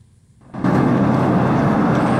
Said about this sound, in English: it is filled with sirens and the smell of smoke. Sound of explosions, as in gas canisters going off inside buses, half-million-pound buses that have been stopped in the Newton Arch Road behind me